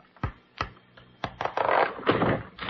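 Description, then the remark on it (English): A few sharp wooden knocks and clicks, then a sustained rattling scrape as a thin false bottom is pried loose from a desk drawer with a letter opener, with no one talking. “Can you take out that false bottom, Dr. Kildare? Yes. Hand me that letter opener, please.”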